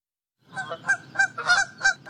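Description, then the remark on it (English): A goose honks repeatedly in a quick, uneven series of about six loud, nasal calls, clear, with a faint background rumble and no talking. “How much goose poop does Denver Parks have to deal with on a regular basis?”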